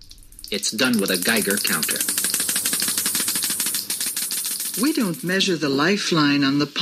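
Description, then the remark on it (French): A Geiger counter crackles with a dense, rapid stream of clicks, steady and fairly loud, while a person talks over it, the voice continuing after the clicking thins out. “Elle le fait au moyen d'un compteur Geiger.”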